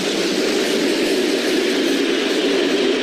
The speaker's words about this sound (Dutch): Zo waren we gereed tegen dat onze trein aan het remmen ging in het station van Alexandrowo.